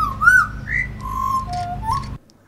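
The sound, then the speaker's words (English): A person whistles an imitation of a butcherbird call: a run of clear, fluting notes that swoop up and down in pitch, fairly loud over a low steady hum, then stopping abruptly. “Okay, a butcher bird for you.”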